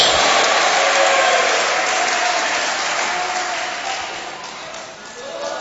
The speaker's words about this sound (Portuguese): Pode aplaudir ao Senhor e dar glória a Deus.